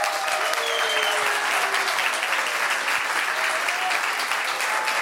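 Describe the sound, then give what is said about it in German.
Steady, sustained applause from an audience welcoming the founder of the Atze Musiktheater fills the whole stretch, a dense even wash of clapping with no pauses and no voices rising above it. “Bitte begrüßen Sie mit mir mit einem großen Applaus den Atze Gründer, Geschäftsführer, Regisseur und künstlerischen Leiter”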